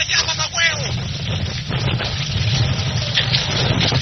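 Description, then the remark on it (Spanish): A steady, heavy roar of rushing sea water with a deep low rumble runs throughout, loud, while faint shouting voices break through briefly near the start. “gente corriendo en el aeropuerto, bajando por las escaleras, el mar.”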